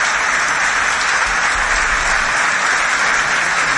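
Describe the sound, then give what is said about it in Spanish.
Sustained audience applause for the 280 workers who built the place, at an event in Salta, a dense, steady wash of many hands clapping at a loud, even level throughout, with no speech over it. “Un aplauso grande a los obreros, trabajadores que hicieron esto.”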